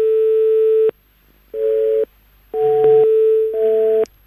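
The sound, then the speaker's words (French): A telephone busy tone: one long steady electronic beep, then three shorter beeps in an even on-off rhythm, each a buzzy mid-pitched chord of tones. Fairly loud, with no voices. “Apparemment, c'est la nouvelle sonnerie, comme quoi vous êtes occupé. Le correspondant est occupé.”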